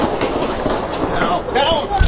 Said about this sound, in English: Yeah, that's gunshots. You can hear.